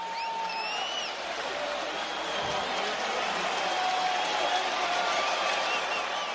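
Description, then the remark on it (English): A large stadium crowd of Raiders, Patriots and Indiana Hoosier fans cheers for Fernando Mendoza, the Las Vegas Raiders' number one overall pick, as he trots onto the field for his first regular season game. A steady, dense roar with no breaks, broad and loud throughout, with a few high whistles and shouts rising above the voices. “I mean, you hear this crowd.”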